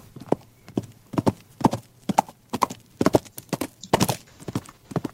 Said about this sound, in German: Auf einmal galoppiert ein prachtvolles braunes Pferd vorbei.